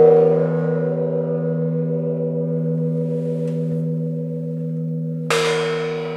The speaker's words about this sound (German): Hier zum Beispiel der Original-Gong.